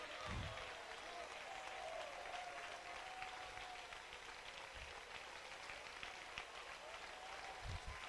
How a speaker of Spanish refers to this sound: Vamos, que lo escuche el cielo. Que el cielo haga una pausa, que los ángeles se detengan de adorar para escuchar este aplauso en tierra salvadoreña que adora la gloria de Dios.